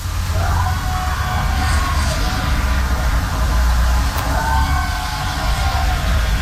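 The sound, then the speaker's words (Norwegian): Crowds of students cheer and yell across a busy street in Trondheim around 11:30, with overlapping shouts and whoops rising and falling over a constant low rumble of noise. “Det var liksom jubel i hvert eneste hjørne.”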